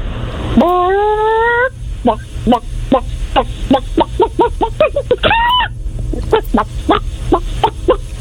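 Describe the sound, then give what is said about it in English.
A person imitates a clucking chicken: a long drawn-out squawk, then a quick, rhythmic run of short clucks broken by another rising squawk, over a low steady background rumble. “Wow, the fact that you can so easily transform from human to chicken is pretty clucked.”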